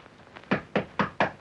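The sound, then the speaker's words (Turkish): Four firm knocks on a door at an even pace, fairly loud, with a couple of lighter taps just before them and no one speaking. “kapı açık, gel hanım.”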